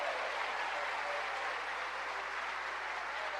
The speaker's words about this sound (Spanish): ¿Cuánto le dan un aplauso a ese Dios maravilloso?